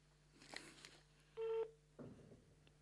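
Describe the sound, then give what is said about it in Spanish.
A phone call being dialed: a single short electronic keypad tone sounds clearly, surrounded by faint clicks and handling noises over a low steady hum. No one speaks. “Si te parece bien, te llamamos por teléfono, llamamos por teléfono y no por internet.”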